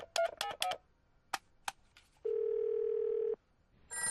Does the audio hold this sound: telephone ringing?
yes